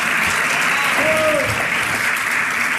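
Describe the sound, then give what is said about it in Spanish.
Steady, dense applause from a crowd, set off by an on-air cheer of 'Vamos, Messi', a loud continuous wash of clapping with a faint tonal whistle or cry rising briefly in the middle. “Bueno, despierta el aplauso ese vamos Messi carajo con punito, digamos, al aire,”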